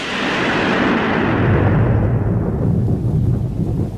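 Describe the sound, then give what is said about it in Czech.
A loud, continuous roll of thunder during a storm rumbles deep and heavy for several seconds, its crackling upper edge gradually fading while the low growl carries on, with no voices. “Mně se při bouřce nějak špatně dýchá. Venku je boží dopuštění.”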